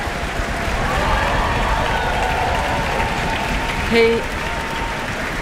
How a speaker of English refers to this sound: And Karl-Heinz Steffens is returning to the stage to receive his applause from the orchestra and the town hall.